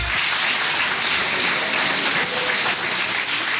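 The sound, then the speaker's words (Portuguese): A church audience applauds steadily during a service, a dense, even wash of many hands clapping at once that holds at a constant loud level for several seconds, with no voices standing out. “Quem tem essa paz pode bater mais palmas, dar glórias.”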